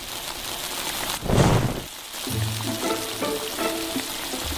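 A fish head sizzles steadily in a hot clay pot, then a sudden loud whoosh of flame flares up for under a second as the pot is set alight to sear the fish head and lock in its moisture, before settling back into a continuous crackling fry with faint tonal sounds underneath.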